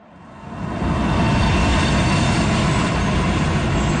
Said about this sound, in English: An LRT train screeches to a halt, delivering passengers to Ottawa's Parliament Station.